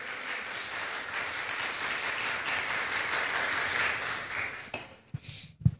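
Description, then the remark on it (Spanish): A crowd applauds for God in a dense, even wash of clapping that holds for several seconds, then thins out and fades, with a few scattered final claps and thumps at the end. “Le damos un aplauso, así.”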